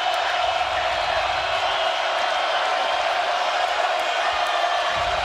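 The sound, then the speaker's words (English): A large baseball stadium crowd at a Nebraska game roars in a dense, steady wash of cheering and voices, holding at a constant, fairly loud level throughout with no distinct breaks or swells. “I mean, this crowd, wow.”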